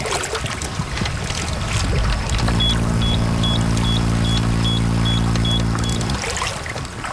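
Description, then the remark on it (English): A steady series of short, evenly spaced high beeps, about two per second, from an electrofishing unit signalling that electricity is going through the water while fish are being actively shocked, rings out over a loud low mechanical hum and a noisy outdoor background by the water. “The beeping is just to signify that there's electricity going through the water, that we're actively shocking.”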